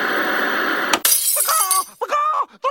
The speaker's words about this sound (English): The lights are falling! Yes, chicken licking is right again. The lights here in our studio are falling.